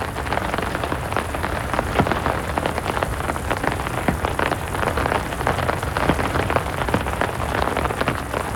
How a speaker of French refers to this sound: Oh, sa tambourine n'est pas pareille. Oh, elles sont fortes, ces gouttes d'eau. Tout ensemble, elles font un bruit, un gros bruit.